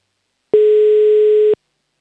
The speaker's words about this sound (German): Wähl hier schon mal die Telefonnummer. Der Anruf geht nach Oberösterreich.